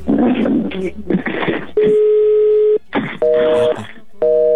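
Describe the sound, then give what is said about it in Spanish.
Steady electronic phone tones, held for about a second at a time, alternate with short bursts of voice, as a first call attempt rings through to an automated voicemail greeting. “En el primer intento nos manda buzón.”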